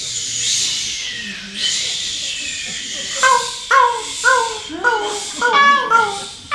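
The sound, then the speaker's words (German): At the host's request, an audience imitates waves breaking on a beach for a romantic atmosphere, with two long, rising-and-falling shushing whooshes, followed by a cluster of high, wavering vocal cries and squeals. “So Wellen, die an einem Strand stoßen. Was machen denn Wellen? Genau. Gebt uns mal die Welle.”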